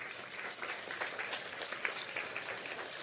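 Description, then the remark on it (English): A crowd applauds steadily, dense overlapping clapping filling the whole stretch at an even, moderate level, with no voices on top. “And tonight, they deserve a resounding round of applause.”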